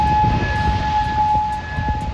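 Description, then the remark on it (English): An air raid siren in Kuwait sounds a loud, sustained steady tone across the whole stretch, with a low rumbling background beneath it and no voices. “Air raid sirens were heard in Kuwait, and there have been several explosions across Iran's southern coast”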